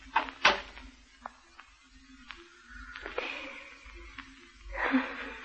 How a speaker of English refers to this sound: Close the door.